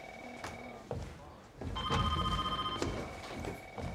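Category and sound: signal or alarm, telephone ringing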